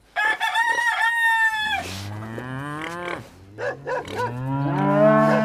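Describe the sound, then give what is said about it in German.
A rooster crows loudly at the start, followed by a long, deep cow moo, with chickens clucking and squawking around it in a busy farmyard scene. “Ich habe einen Hahn gehört. Ja, ich habe ein paar Hühner, eine Kuh, glaube ich auch.”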